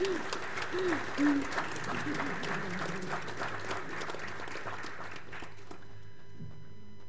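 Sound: audience round of applause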